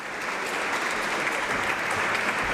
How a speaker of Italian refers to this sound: l'applauso per la corale, il coro da camera della Casa della Cultura Sarospatak Ungheria.